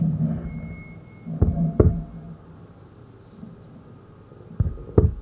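A baby's first heartbeat sounds muffled as two soft double thumps, one near the start and one near the end, over a low, murky hum with no voices.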